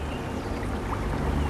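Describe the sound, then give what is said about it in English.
A canoe is pushed out from the boat sheds onto a river, with a steady wash of water churning and lapping and a low rumble underneath, continuous and fairly loud throughout. “Then you push him out into the river, where he quickly overturns.”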